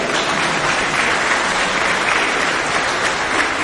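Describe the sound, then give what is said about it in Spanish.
Steady audience applause for the acolyte at a church raffle, a dense wash of many hands clapping at an even, fairly loud level throughout, with no clear voices on top. “El acólito, un aplauso.”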